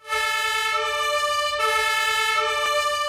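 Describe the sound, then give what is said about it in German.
A loud fire engine two-tone siren alternates between a higher and a lower pitch, switching roughly every 0.8 seconds, steady, with faint traffic rumble underneath and no talking, as Munich's professional fire brigade sets out from its main station in the city centre through heavy traffic. “Die Berufsfeuerwehr in München rückt aus. Die Hauptwache liegt in der Innenstadt. Es hat viel Verkehr, wie fast immer, aber dank Martinshorn und Blaulicht geht es zügig voran.”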